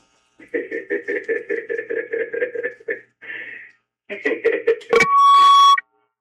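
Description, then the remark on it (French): A telephone ringing tone trills in quick, evenly spaced pulses, pauses, rings again, then gives way to a click and a steady electronic beep. It is fairly loud, with no talking. “on s'en va au téléphone.”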